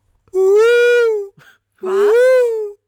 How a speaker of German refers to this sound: Es ist aber kein Affe. Ich muss dich korrigieren. Es ist ein Schimpanse. Es ist ein Bonobo. Ein Bonobo. Nee, es ist ein Schimpanse. Bonobo hört sich anders an.